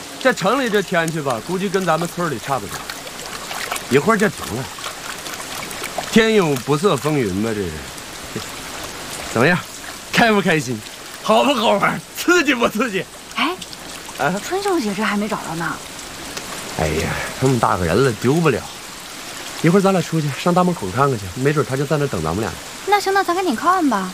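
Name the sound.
sudden rain falling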